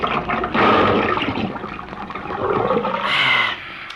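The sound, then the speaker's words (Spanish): A strong stream of water gushes from a garden hose and splashes continuously, loud, with the rushing brightening and intensifying near the end before easing off. “Vaya, ya se abrió el chorro, me mete el pico, hombre.”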